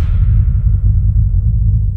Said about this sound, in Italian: Senti il fruscio. Senti il fruscio. Questa è Radio Voce Amica. È la frequenza dell'estate.